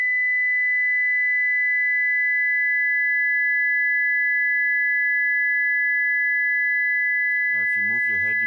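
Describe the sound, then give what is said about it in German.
Steady pure electronic tones, two sine waves sounding together at a similar high pitch, holding unbroken for several seconds before a voice starts speaking near the end. “Eine zweite kommt dazu.”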